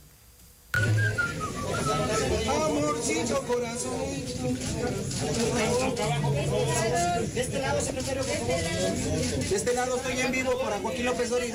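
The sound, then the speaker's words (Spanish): Someone whistles a popular melodic song tune amid a noisy crowd at a press appearance during photographs, the whistle carrying over steady background chatter and voices for the whole stretch. “pues no faltó por ahí de estas admiradoras por su popularidad y por su simpatía, por su presencia, quien le chifló la tonadita”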